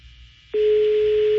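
A phone line's ringing tone on a call placed live on air, which goes unanswered: after a brief low hum, one steady, mid-pitched tone starts abruptly and holds loud and unbroken to the end, with faint line hiss underneath.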